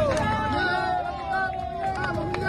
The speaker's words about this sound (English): We're going to take you to Venezuela, where there's been a miracle. A man's been pulled alive from the rubble. Hear his rescuers yell hallelujah in that moment.